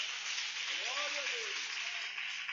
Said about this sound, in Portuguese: Diga aleluia, Jesus. Palmas para Jesus aí, igreja.